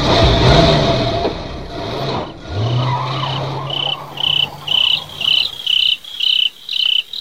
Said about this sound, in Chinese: 车上再没有人说话，汽车默默地开走了。